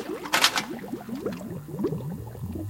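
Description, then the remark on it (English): Water gushes and gurgles in rapid, bubbling bursts, opening with a brief splashy rush and then churning steadily, with no one speaking. “A waterfall, a waterfall.”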